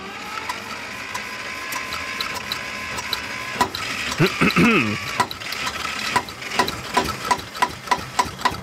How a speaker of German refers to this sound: das ist weniger Motor starten als zum Leben erwecken, ha?